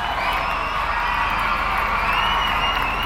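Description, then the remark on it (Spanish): A crowd applauds and cheers loudly and steadily, a dense wash of clapping mixed with shouting voices that holds at the same level from start to finish. “De un aplauso para buena.”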